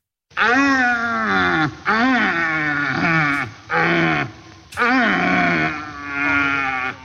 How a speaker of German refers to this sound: Ja, ein Rothirsch, die haben gerade ihre Brumpf. Das heißt, die stehen da, ja, schreien rum. Ganz komische Geräusche.